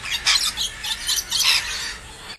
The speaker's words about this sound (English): I feel like I'm going to get swooped when I hear that. I don't know what sort of birds they are, but it's a bird noise.